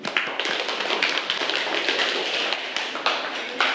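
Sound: classroom applause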